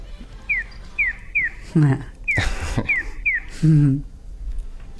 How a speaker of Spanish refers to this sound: El gorjeo que escuchamos al principio, este pío pío, es el audio que se escucha en los semáforos que ayuda al peatón a saber de qué lado va a cruzar a qué lado. Es decir, el gorjeo es de este a oeste. Siempre.